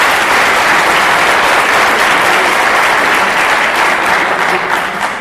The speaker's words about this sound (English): Can we give a big clap for all the people?